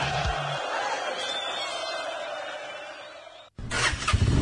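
A small Vagio PX125 motor scooter engine cranks and catches, its buzzing idle running steadily before a brief cut, then revving up loud.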